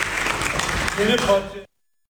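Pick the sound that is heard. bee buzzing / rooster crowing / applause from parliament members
applause from parliament members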